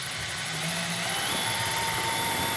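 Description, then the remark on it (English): A power drill runs steadily with a constant motor whine and buzzing hum, holding an even loudness throughout with no pauses and no voices. It is drilling 6mm holes for wall plugs, with the area wetted with water to keep the bit cool. “We want to keep this drill nice and cool.”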